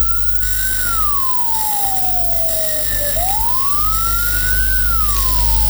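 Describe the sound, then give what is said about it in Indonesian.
A slow ambulance siren wails, one long tone gliding down over a few seconds, then sweeping back up and easing down again, loud and steady over a low rumbling background; this slowest siren pattern signals an ambulance carrying a dead body. “Bunyi yang keempat frekuensinya paling lambat dan unik yang berarti mobil ambulans sedang membawa jenazah.”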